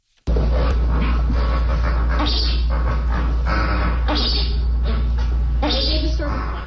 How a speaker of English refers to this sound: And so we leave you with our sound of the day. Here, briefly, are the grunts and so-called chuckles of 30 flamingos riding out the storm.